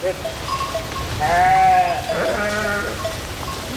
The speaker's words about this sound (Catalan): Aquest és el ramat públic d'ovelles i cabres d'Obigüe, que ara treballarà també en la neteja del sotabosc de les línies elèctriques que hi ha al municipi.